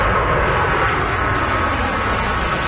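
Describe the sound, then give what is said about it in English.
A steady, loud roar of the aging jets of Canada's Snowbirds aerobatic flying squadron passing overhead, a dense rushing engine noise that holds at an even level throughout, with no voices. “Canada's Snowbirds flying squadron is being grounded, but not permanently.”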